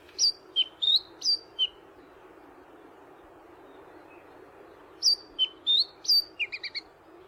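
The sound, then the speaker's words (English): A Chatham Island black robin sings two short phrases of clear, high whistled notes, about five each, separated by a pause, over a steady low hiss; the second phrase ends in quick trilled notes. “The winner of Bird of the Year for 2026 went to the Chatham Island Black Robin, who won for the first time and received over 25,000 votes.”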